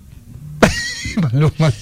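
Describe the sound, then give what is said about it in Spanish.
A person mimics a horse whinny with their voice: a sharp, high cry that slides downward, then several shorter wavering neighs. It is loud, after a brief quiet lead-in. “Uy, en la caballo también suena súper bien.”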